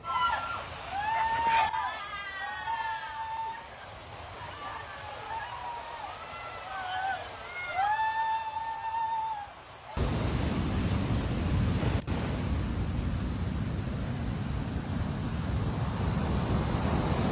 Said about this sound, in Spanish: Los efectos de Boris provocó alto oleaje con olas de 3 a 4 metros de altura